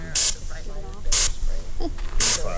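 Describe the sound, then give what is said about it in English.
Three short, forceful hissing blasts from a bear spray canister, about a second apart, each a sharp spurt of pressurized spray aimed low at the feet of a fake bear painted on plywood in Petersburg, with faint voices murmuring underneath. “Because if you spray acid, it'll go up. It'll just go over the top of them.”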